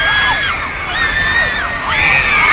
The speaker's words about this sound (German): Schließlich steigen sie die Stufen der Gangway hinab und sehen, die kreischenden Teenager schwenken Plakate und selbstgebastelte Banner mit Herzen und den Namen